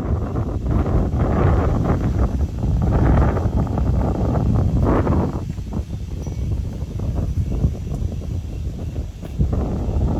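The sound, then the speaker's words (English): Heavy rain and gusting wind at night, around 10 to 10:30, in a neighborhood in the Detroit Lakes area make a steady, loud rushing roar with a deep rumbling low end. The noise swells and eases in uneven surges, with no voices throughout. “And the rain started coming in last night.”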